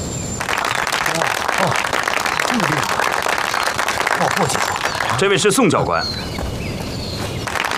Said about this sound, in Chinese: 同志们，司令部给我们请来了几位教官，专门负责教我们的特殊技术训练，大家鼓掌欢迎。